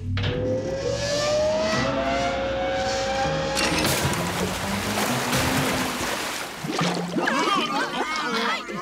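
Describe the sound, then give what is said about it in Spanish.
Loud, steady churning and bubbling water in a bubble tub fills the whole stretch. A rising whistling tone sits over it early on, and a burst of rapid gurgling bubbles comes near the end. “Según el libro de instrucciones, caímos en... la tina de burbujas.”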